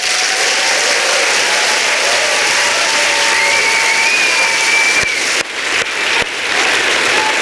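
Sustained audience applause, a dense steady wash of clapping from many hands with a few faint whistles rising above it, plus several sharp clicks near the end.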